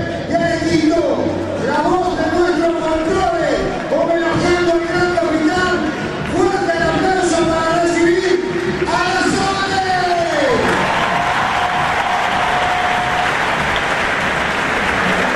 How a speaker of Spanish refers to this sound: el estadio se vino abajo para escucharla cantar